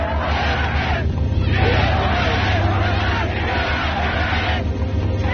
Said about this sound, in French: Et derrière les automitrailleuses, parmi les hommes en armes, Hitler, acclamé, arrive en conquérant à l'hôtel impérial devant lequel une foule immense s'est massée.